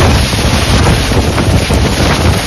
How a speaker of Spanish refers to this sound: Tormentas, por cierto, que hicieron ayer de las suyas. El sonido del fuerte viento y la lluvia en Monzón por la tarde era este.